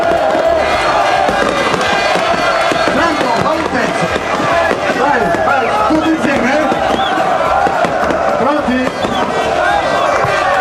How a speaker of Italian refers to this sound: ed ecco le bottiglie che vengono stappate, il bagno solito. Taranto in C2.